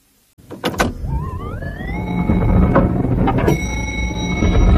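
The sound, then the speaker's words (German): An elevator runs: a mechanical clunk, then an electric motor whine rises in pitch and settles into a steady hum, with a few more clanks and a sustained high tone near the end. “Im Lift.”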